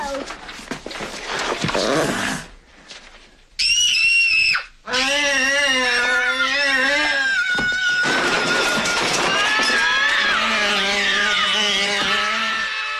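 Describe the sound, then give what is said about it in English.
A 7-year-old girl in a film scene lets out a loud, shrill scream of fright as she and a small creature frighten each other, cutting in sharply and repeating in strained, wavering bursts over several seconds, with busy background commotion. “It was just, her little scream was so impeccable.”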